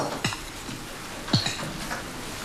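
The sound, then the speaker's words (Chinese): Someone eats noodles in soup from a bowl: two brief clinks of utensil on dishware, each followed by soft slurping and clatter, over a low background hiss with no talking. “这面啊，你要慢慢吃啊。”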